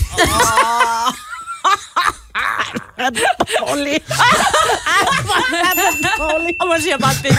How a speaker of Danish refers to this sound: Er den dårlig? Der kommer en lille ding til sidst. Det passer jo meget godt til den joke.